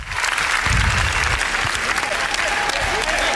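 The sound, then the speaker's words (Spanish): A large audience at Cannes applauds the Javis' film La Bola Negra, a dense, loud wash of clapping that holds at an even level throughout, with some low thumps and murmuring mixed into the crowd noise. The applause lasted 20 minutes. “Ayer fue el turno de los Javis, que presentaron La Bola Negra, por la cual recibieron 20 minutos de aplausos.”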